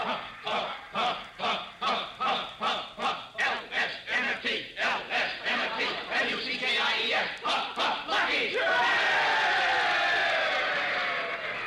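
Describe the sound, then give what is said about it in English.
A large stadium crowd, the cheering section at a football game between Alabama and USC, cheers in rhythmic unison, loud chanted bursts pulsing about twice a second, then swelling into a sustained roar of voices at the end. “Hey, listen to the cheering section.”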